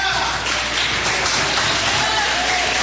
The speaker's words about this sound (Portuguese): Aleluia, a palavra volta ao servo do Senhor com palmas e glória.